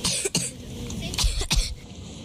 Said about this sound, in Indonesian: terbatuk-batuk hingga wajahnya semakin memerah.